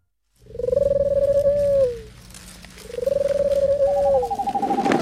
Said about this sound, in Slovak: Jaj, čo je to? Bob, to bola len sova. Neboj sa, sovy nežerú ľudí.